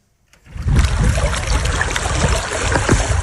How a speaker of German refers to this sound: Es ist ein skurriles Bild. Wasser umspült Grabsteine am Lipno-Stausee im Süden Tschechiens. Wir stehen hier an der Mauer des einstigen Friedhofs, der 1899 in Dolní Vltavice gegründet wurde